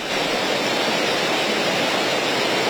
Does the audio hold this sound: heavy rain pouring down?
yes